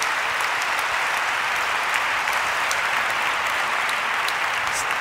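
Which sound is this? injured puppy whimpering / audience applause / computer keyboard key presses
audience applause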